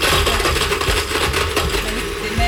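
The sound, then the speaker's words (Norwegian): A blender grinds and crushes ice cubes for a summer pear drink in a loud, steady roar, with rattling, clattering knocks of ice against the jar throughout and no voices. “Du har allerede mikset bittelitt isbiter, har jeg skjønt.”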